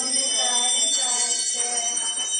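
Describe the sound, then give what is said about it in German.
Small bells ring continuously during a holy mass in a bright, sustained shimmer, with overlapping metallic tones held steady throughout, fairly loud with no talking. “Mit Glockenklang empfangen wir den Herrn, der mit uns sein möchte.”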